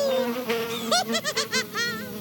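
A flying insect, Mistan, buzzes steadily, then its drone swoops up and down in pitch in about five quick bursts as it loops over the speaker's head.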